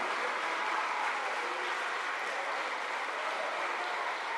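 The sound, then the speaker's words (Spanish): An audience claps together in sustained, dense applause given to God, a steady wash of many hands at even loudness with no voices rising above it. “¿Cuánto le damos un aplauso a ese Dios maravilloso?”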